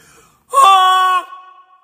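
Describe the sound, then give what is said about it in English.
A man's voice, introduced as Gary Busey, lets out a single loud, nasal honk, a strained, harmonic-rich cry lasting under a second, imitating a goose calling in flight, followed by a faint trailing tone. “That's what a goose sounds like when they're flying.”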